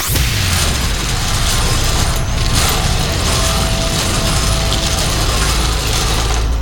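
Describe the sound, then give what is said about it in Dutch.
A hand crank ratchet is wound steadily, producing a continuous rapid clicking and grinding mechanical rattle that stays loud and even throughout, with no voices. “Dus geef hem snel een flinke slinger aan.”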